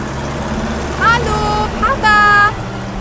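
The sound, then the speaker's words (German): A farm vehicle pulling a trailer loaded with two bicycles drives to a farm with a steady, low engine rumble throughout, while short, higher-pitched tonal calls break in over it a few times. “Der Bauer hat noch schnell die beiden Fahrräder auf den Anhänger gelegt und alle zusammen fuhren zum Bauernhof von Lisa.”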